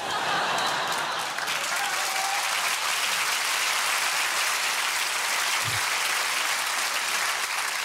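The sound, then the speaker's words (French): A live audience claps steadily for several seconds, a dense, sustained wash of many hands with no voices rising above it. “Qu'applaudissent pas, elles sont là, c'est où les injections?”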